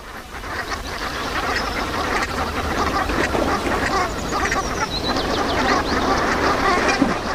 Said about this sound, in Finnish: viikon luontoääni Sepel Hanhi